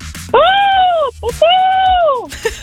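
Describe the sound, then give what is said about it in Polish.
A person imitates a falcon's call live on air on the radio with two loud, drawn-out, high-pitched cries, each lasting close to a second and tailing off downward, separated by a brief breathy pause. “Ja sobie odpaliłam, jak brzmi sokół, żeby zrobić to tak dobrze.”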